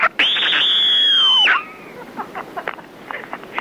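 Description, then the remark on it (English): A loud, shrill scream holds one piercing high pitch for over a second, then breaks off and drops away, followed by faint scattered noises and murmurs. “This is what I think of your stupid, wanky scream idea.”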